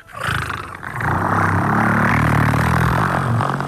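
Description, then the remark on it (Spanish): A person's voice imitates a diesel car engine with a loud, rough, rumbling growl that starts abruptly and holds steady for several seconds, with no words spoken. “Entonces, o en el coche diésel”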